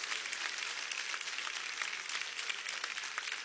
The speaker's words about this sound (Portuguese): Só aqueles que têm esta paz, pode bater mais palmas, dá glórias.